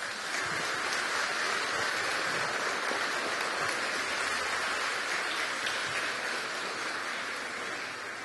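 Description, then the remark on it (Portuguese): A crowd breaks into sustained, warm applause welcoming a guest and priests, a dense, steady wash of many hands clapping that holds at full volume throughout and eases only slightly at the very end. “Eu gostaria de acolhê-lo, acolher os demais sacerdotes que já se encontram aqui conosco, mas renovam a sua participação com uma calorosa salva de palmas.”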